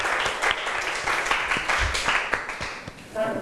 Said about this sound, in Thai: ขอเสียงปรบมือดังๆ